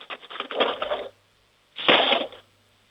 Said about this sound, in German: Jetzt bin ich mal gespannt, wie das klingt, wenn du die Bestecklade aufmachst und einen Haufen Löffeln rausnimmst und sie in die Bestecklade reinfallen lässt. Lärm ist doch immer gut, oder?